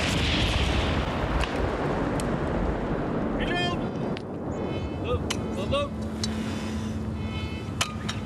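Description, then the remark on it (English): A heavy weapon fires with a loud backblast at a weapons testing facility of Swedish arms company Bofors in Sweden, a roaring wall of noise that rolls on for several seconds, with scattered high chirping tones and faint voices beneath. “Ready to fire!”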